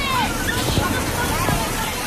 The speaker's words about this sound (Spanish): Escuchamos a los niños corriendo y jugando en las zonas infantiles.